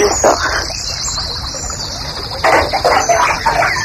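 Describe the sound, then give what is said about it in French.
Water draining from a bathtub after a bath, a steady gurgling trickle that swells louder and busier partway through, with no voices. “Ah, tu vides ta baignoire là?”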